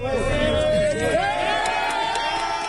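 A crowd in Venezuela cheers and shouts loudly and steadily as Spanish rescue teams pull a survivor from the rubble of a building collapsed in back-to-back earthquakes, many voices overlapping in a dense, excited roar with rising whoops and calls, sustained throughout without pause.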